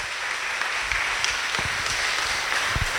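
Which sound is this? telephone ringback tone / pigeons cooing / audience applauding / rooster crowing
audience applauding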